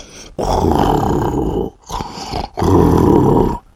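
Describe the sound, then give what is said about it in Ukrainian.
A voice imitates loud, raspy snoring in three rough bursts, two long and one shorter in between, each a low, rattling rumble with brief pauses. “«Тоді ти також хропи», – порадив Карсон, – «десь так».”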